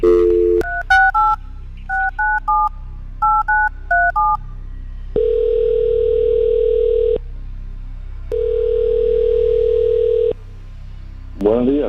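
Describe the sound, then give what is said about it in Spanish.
A rapid run of about a dozen touch-tone keypad beeps dials the phone number of a ticket-giveaway winner, followed by two long, steady ringing tones on the line and a brief voice at the very end. “Así que vamos, vamos a marcarle el teléfono a esta persona,”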